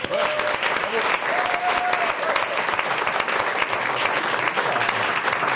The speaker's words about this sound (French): Ils sont beaucoup, on peut les applaudir s'il vous plaît.